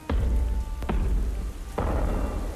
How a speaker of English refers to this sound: One evening, a terrible storm came.